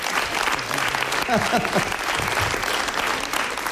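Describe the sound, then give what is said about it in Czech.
Sustained, loud audience applause with dense clapping throughout, a brief voice rising above it partway through. “Takovýhle potlesk jsem tady nikdy neměl.”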